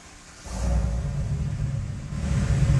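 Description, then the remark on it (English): A truck engine, started on request by a person in the driver's seat at Xenia High School, cranks and catches after a brief quiet moment, then settles into a steady, fairly muted low rumble as it idles. “But this truck is so impressive looking. I was thinking maybe could you guys just start it, give it a start?”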